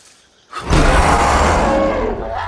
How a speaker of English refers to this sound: The roar reveals fearsome tusk-like canine teeth. The tributes back away slowly, moving into the pool as the predators close in around them. More and more fanged hunters join the pack.